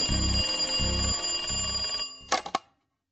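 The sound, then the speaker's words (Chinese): A telephone rings in three steady, evenly spaced bursts, fairly loud, then breaks off into a quick cluster of sharp clicks before falling silent, as a call is placed from a police office to the duty officers of the West District and Shuiximen police stations. “这天晚上，他在自己的办公室里冒充东区警察局太平桥警察所值班员，给西区警察所、水西门警察所值班人员打电话。”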